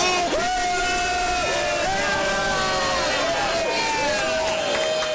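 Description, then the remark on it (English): A large crowd of Team Canada soccer fans at an outdoor fan park cheers loudly and continuously for the red and white during Canada's World Cup match against Qatar, with sustained chant-like or horn-like tones rising above the dense roar for several seconds. “Fans at the fan park cheering for the red and white.”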